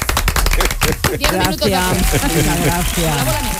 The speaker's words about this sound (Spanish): ¿Y ahora qué hacemos? Además, aplaudir. Eso. Aplaudir.